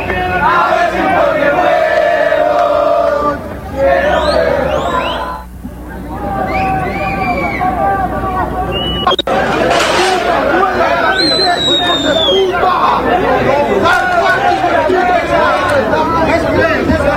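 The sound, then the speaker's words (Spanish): A large crowd of football fans shouts and chants continuously in the street near the stadium, a loud, dense roar of many voices with rising and falling yells, and a sharp bang near the middle. “A ver, escuchemos qué dice la hinchada. Aunque son gritos. Solamente son gritos lo que se escucha, ¿sí?”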